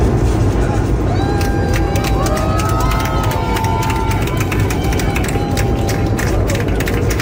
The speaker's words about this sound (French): Faut imaginer l'affaire quand même, en plein ciel comme ça, et les gens qui applaudissent.